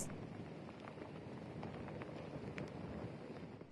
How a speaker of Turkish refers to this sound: Ki saatler öncesinden daha da hem yağmur hem rüzgar da azdı, ancak şu saat itibariyle hem yağmur şiddetini arttırdı hem de rüzgar şiddetini arttırmaya devam ediyor.